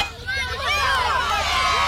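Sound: crowd cheering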